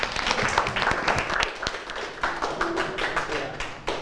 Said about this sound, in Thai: ปรบมือกับเพื่อนด้วยนะครับ